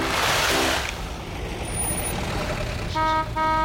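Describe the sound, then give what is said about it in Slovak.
A truck horn toots over a steady engine rumble: one low blast at the start, then two short, brighter honks in quick succession at the end. “Tere, tere, nakladné auto.”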